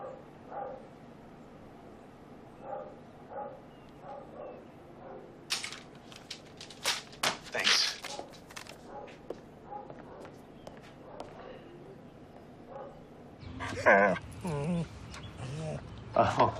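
A dog barks in short bursts and whines excitedly, with scuffling footsteps and shuffling, then a louder flurry of yips and whimpers near the end.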